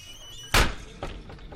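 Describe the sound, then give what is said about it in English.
The door to the men's room at Flanagan's Pub swings shut heavily with a loud thud, followed by a softer knock and faint rattling as it settles, set against low background room noise. “That was the door to the men's room.”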